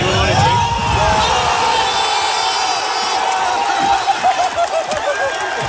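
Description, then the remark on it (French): A big crowd of football fans with flags and jerseys erupts in sustained, loud cheering and shouting after a goal by the US team at the World Cup, including on a free kick, a dense roar of many voices with whoops and cries rising and swelling throughout. “Et puis forcément, quand il y a eu les buts, ben, ça a fait beaucoup de bruit.”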